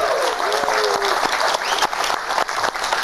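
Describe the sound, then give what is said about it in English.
Steady applause from a TV studio audience for the announcement of Piers Morgan as a guest on the show, a dense wash of many hands clapping at moderate loudness throughout, with a few scattered voices and whoops rising over it. “You better clap.”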